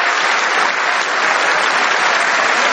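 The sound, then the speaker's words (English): Sustained, dense applause from members of Congress, including Democrats, standing and clapping for King Charles III, loud and steady throughout, with no individual voices standing out over the clapping. “Look at all the Democrats that say no king standing and clapping standing and laughing for a king.”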